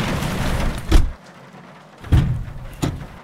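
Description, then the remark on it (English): A man lifts a car hood open to look at the engine, giving a heavy clunk, then two more thuds and rattles a second later, all over a steady hiss like falling rain. No one speaks. “Dad's got the hood up.”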